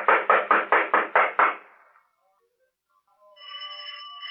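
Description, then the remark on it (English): Seven quick, evenly spaced knocks on a wooden door, loud, fading into silence before a steady tonal hum begins. “I'm going to knock on the door.”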